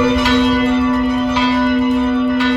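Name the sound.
church bells ringing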